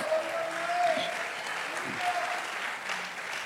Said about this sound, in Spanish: Por eso dele un aplauso fuerte al Señor, hermano.